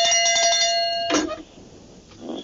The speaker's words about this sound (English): I'm going to ring the bell, okay? Because that was okay. A biggie.